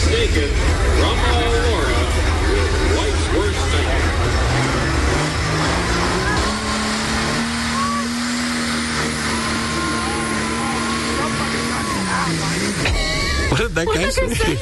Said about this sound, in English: They hit the gas, right, to yank on a huge, heavy truck, or trailer, rather, to pull. And that's what it is, the truck pull.